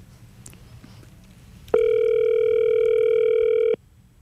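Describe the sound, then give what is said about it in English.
A single steady electronic telephone ringback tone from an outgoing phone call placed live from a studio in Sydney sounds for about two seconds over a low background hum, clear and fairly loud, then stops abruptly. No one speaks. “Oh, he's not answering.”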